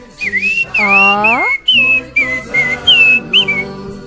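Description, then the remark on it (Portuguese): A high, birdlike whistled melody trills and warbles through a birthday tune, with quick pitch slides and chirpy flourishes over a soft low backing of sustained tones. “com todo respeito, aquele feliz aniversário do passarinho.”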